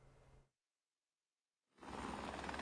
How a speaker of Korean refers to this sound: 신속 대응팀이 홍수 피해 지역에 헬기를 투입한 시각은 현지 기준 오전 11시 45분과 낮 12시 40분입니다. 소방청 소속 5명과 경찰 2명, 외교부 1명이 헬기 2대에 나눠 타고 현장에 진입했다는 게 신속 대응팀 설명입니다.